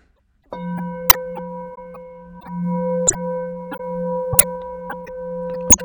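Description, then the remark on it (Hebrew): A Tibetan singing bowl rings with a steady, wavering hum and layered overtones, clear, punctuated by a few sharp tapping strikes, recorded through a dummy head with microphones on its sides. No one speaks. “וכמובן גם על הקערות טיבטיות, הם בעצמם סוג של גיור מאכל. אני אדגים לכם שנייה.”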